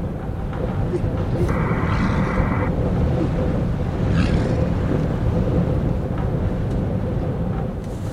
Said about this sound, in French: Ce serait le vent. Toujours le vent dans la chambre. La chambre en bois, la cabane en bois au Canada, à Igloolik, devant la banquise.